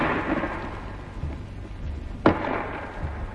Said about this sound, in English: First, a 5.5 gun fired at the wall of the fort for an hour or more at point-blank range, about 250 yards. The first bang you heard was the gun firing. Then the second was the shell bursting on the wall.